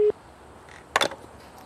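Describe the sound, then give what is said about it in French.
A telephone line signal from a call to demographer Yi Fuxian in the United States: a brief steady tone right at the start, then a short cluster of electronic beeps a second later, fairly quiet and with no one talking. “J'ai appelé au téléphone le démographe Yi Fuxian qui vit aux États-Unis.”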